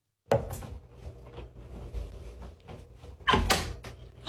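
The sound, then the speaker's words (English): A closet door next to a mirror opens with a sharp wooden knock and a low rumbling creak, followed a few seconds later by a second louder bump and rattle as it swings. “The closet door next to the mirror just opened.”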